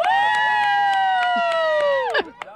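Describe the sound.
A loud, sustained cheering shout from the sideline at a youth flag football game holds steady for about two seconds before trailing off, with rhythmic claps or thumps beneath it and faint background voices near the end.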